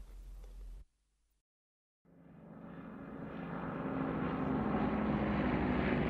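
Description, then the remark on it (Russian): After a short burst and a moment of silence, the engine of an American Airacobra propeller fighter plane roars in, swelling louder and settling into a steady, droning rumble. “Истребитель «Аэрокобра» – очень хороший самолет.”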